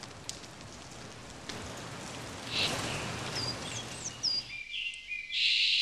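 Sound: rain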